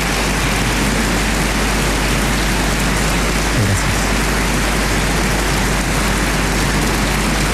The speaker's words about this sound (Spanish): Y por eso quiero pedirle a todos un gran aplauso para las distintas instituciones que dirigen nuestra nación.